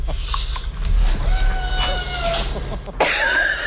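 A cat meows, with one clear, fairly loud, wavering meow at the end following a few fainter tonal cries, over a steady low background rumble and no talking.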